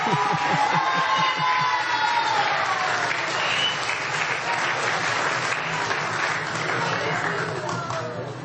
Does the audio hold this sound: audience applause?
yes